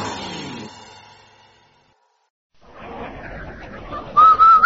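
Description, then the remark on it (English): A loud, short whistled tune near the end: a few quick notes sliding upward, the Rinso sponsor whistle. Before it come a fading musical tone, a brief silence, and a rising bed of background noise. “Hey, Andy, did you hear that man whistle?”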